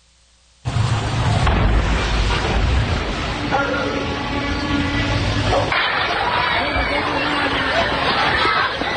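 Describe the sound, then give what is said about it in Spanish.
A sudden loud fuel explosion, coming after a large column of smoke and fire, bursts in after a near-silent second, followed by a sustained heavy roar and rumble with agitated crowd voices and shouts in the background; recorded on video at a school near the San Juan Negrete neighbourhood. “Hay imágenes impresionantes, porque comienza primero una gran columna de humo con fuego y después viene una explosión.”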